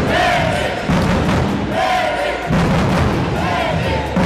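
A loud crowd chants in unison in the sports hall in Slovenj Gradec before the home handball team's first Liga NLB match of the season, against Škofljica. Voices rise and fall in a steady repeating rhythm with thumping beats underneath.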